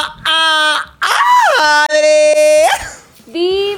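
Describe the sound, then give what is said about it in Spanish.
Loud, high-pitched excited screaming, three drawn-out shrieks in a row with the pitch swooping up and down, separated by brief breaths. “Amo ese grito, porque sé que vamos a poder conversar delicioso, mi Cuéntamelo diva.”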